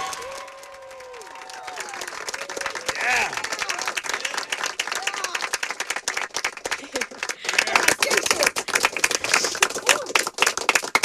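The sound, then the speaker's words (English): A small group of people clapping after a fundraising total is announced, dense overlapping applause that builds and grows louder toward the end, with a few voices calling out over it at the start. “So yeah, let's clap it up.”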